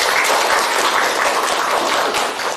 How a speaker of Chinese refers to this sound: 那现在呢，老师呢随机抽一组的同学，让我们掌声欢迎梦想组来进行展示，大家掌声欢迎。